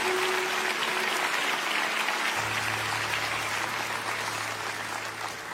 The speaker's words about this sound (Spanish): Denle un buen aplauso